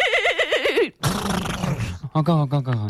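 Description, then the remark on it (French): A person mimics a horse whinny in a turn-taking imitation contest, with a wavering, trilling vocal sound, followed by a burst of noisy breathy sound and then another quivering whinny-like imitation, loud. “tu dirais que je suis plutôt double poney ou pur sang?”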